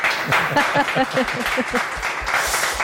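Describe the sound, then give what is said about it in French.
An audience at the Delémont comic book festival applauds guest of honour cartoonist Gilles Roussel, known as Boulet, steadily, a dense wash of many hands clapping at once, while a voice talks faintly underneath the clapping. “À vos côtés et au mien aussi, le grand trissou de cette année, donc invité d'honneur, Gilles Roussel, mieux connu sous le nom de Boulet, qu'on applaudit.”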